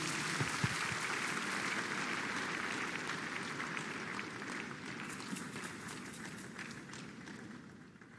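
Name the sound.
audience clapping hands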